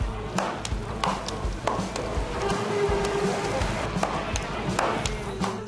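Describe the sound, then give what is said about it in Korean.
Sharp slaps of dough being kneaded strike every half second or so over a steady crackling sizzle of frying oil, with busy background chatter at a well-known halwa puri shop in Rawalpindi, running for nearly 80 years. “착착착 반죽을 치대고 지글지글 기름에 튀기고 80년 가까이 도시의 아침을 깨워온 소리들입니다.”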